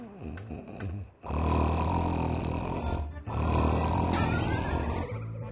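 A person snores loudly and close by, two long, rough, rumbling breaths separated by a brief pause, with no talking.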